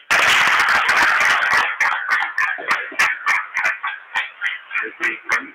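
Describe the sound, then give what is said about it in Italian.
A crowd breaks into loud, dense applause for second-grade children joining a church catechism group, lasting a second or two, then quickly thins out into scattered, rhythmic individual claps before fading. “Questi li facciamo un applauso sonoro, vero?”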